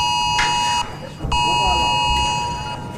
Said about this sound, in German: Ja, wie geht dieses Ding dann wieder aus? Das haben sich viele gefragt. Ich übrigens auch, als das Smartphone das Signal gegeben hat. Obwohl es gab auch manche, die das gar nicht gehört haben.